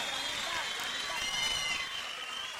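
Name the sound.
crowd applauding and cheering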